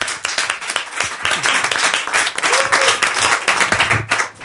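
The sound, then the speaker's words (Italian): Sustained applause from a comedy show audience welcoming the evening's third comedian, a dense, steady wash of many hands clapping at once, loud and continuous for the whole stretch with no talking over it. “Applauso”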